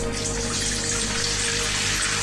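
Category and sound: household object, water being poured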